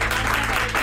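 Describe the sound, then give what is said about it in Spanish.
A brief burst of audience applause, dense and steady, with many hands clapping together at moderate loudness, welcoming a guest on the show Ni También. “Un aplauso para ella.”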